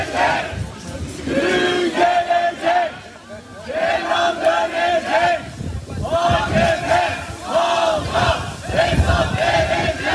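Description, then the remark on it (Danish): A large crowd outside a courthouse in Turkey on the day of a verdict shouts and chants in loud, rhythmic bursts, many voices rising and falling together in repeated slogans over a steady roar of people. “Vi kan lige prøve at høre lidt af stemningen uden for retssalen i forbindelse med dagens dom, for det var en stor historie i Tyrkiet.”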